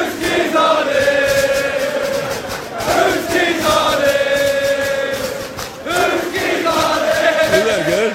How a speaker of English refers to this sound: Or you could get a bunch of your buddies together and start a chant.